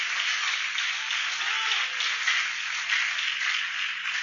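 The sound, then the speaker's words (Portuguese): An audience applauds the Lord steadily, a dense, even wash of many hands clapping at a constant loudness throughout, with no voice rising above it. “Pode aplaudir o Senhor.”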